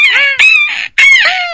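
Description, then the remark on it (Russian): A voice imitates a seagull's cry by tightly squeezing the vocal cords and shouting the letter 'e', giving two loud, harsh, nasal squawks in quick succession, with a brief gap between them. “И выкрикиваем букву «э». О, как будто... это чайка уже”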